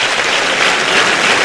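Steady applause from an audience, a dense wash of many hands clapping at once, fairly loud and sustained throughout with no voices standing out.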